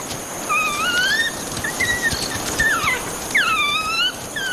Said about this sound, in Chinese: 这只非洲野犬脖子上沾染的血腥味让群体里的成员兴奋不已，不断发出讨食的叫声，而这只非洲野犬也对此做出了反应。